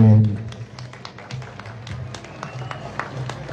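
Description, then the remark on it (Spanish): A crowd applauds a school's teaching staff at a celebration of 165 years of political emancipation, with steady, irregular clapping that stays fairly even in loudness for several seconds, with a low murmur of voices underneath. “Un aplauso, por favor, para el personal docente.”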